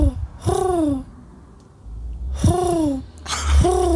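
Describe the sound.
A person's voice mimics a bird call with three drawn-out, harmonic calls, each rising briefly then sliding downward in pitch, separated by short pauses and low background rumble.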